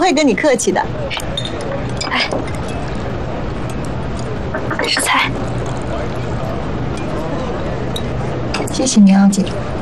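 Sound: glasses clinking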